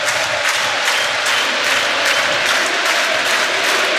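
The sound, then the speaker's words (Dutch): A dense, continuous roar of a football stadium crowd, with sustained applause and cheering forming a loud, steady wash of noise and no distinct voices standing out. “Voilà, hoort u de sfeer?”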